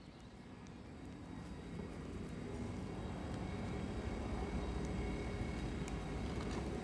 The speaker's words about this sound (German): Es ist kurz vor 11, das heißt, hier in Basel fahren jetzt gleich die Züge ein. Wie immer zur vollen Stunde und alle ungefähr gleichzeitig.